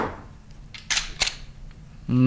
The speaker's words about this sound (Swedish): Det där ljudet känner nog många igen. Och han som åstadkommer det med en Glockpistol